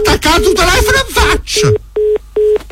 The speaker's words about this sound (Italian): Mi ha attaccato il telefono in faccia.